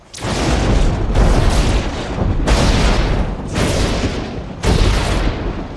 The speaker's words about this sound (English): Vicious lightning strikes some distance away. It strikes the same tree again and again.